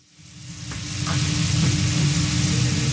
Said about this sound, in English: Steak sizzles the same in South Philadelphia as it does in central Tokyo.